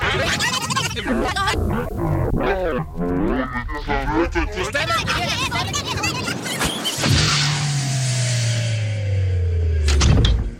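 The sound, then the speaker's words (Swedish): The door to the large radio archive at Sveriges Radio on Gärdet in Stockholm creaks open slowly and loudly, its hinges groaning and squealing in wavering, sliding pitches for several seconds before a brief knock or thud at the end. “Där öppnar vi dörren till det stora radioarkivet här på Sveriges Radio, som ju ligger på Gärdet i Stockholm, har legat här sedan början av 60-talet faktiskt.”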